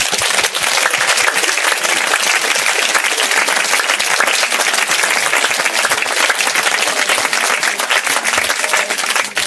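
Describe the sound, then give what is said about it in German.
Sustained applause from an audience giving a round of applause to Jesus, a dense wash of many hands clapping at steady loudness for about ten seconds without a break. “Gut, dann wollen wir Jesus doch mal einen Applaus geben.”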